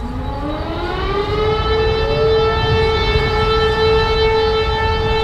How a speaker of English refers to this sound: Every year on August 1st, people in Warsaw and much of Poland stop to the sound of sirens at exactly 5 p.m. to remember W hour, the time when the 1944 Warsaw Uprising began in the dark days of German occupation.